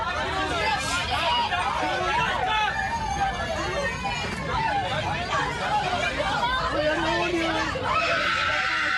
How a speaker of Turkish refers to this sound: Can yeleği takmış yolcuların panik içinde çığlık attıkları görüldü. Bazı yolcular çocuklar var diyerek feryat etti.